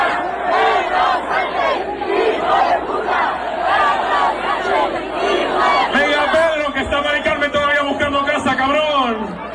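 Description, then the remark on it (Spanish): A huge crowd of thousands of young people chants and sings together while dancing at an afternoon party of the La Sementera festival in Torrijos, Toledo, in loud, continuous unison, the massed shouting swelling into drawn-out melodic cries near the end. “Pues tardeo de fiesta con miles de chavales cantando y bailando.”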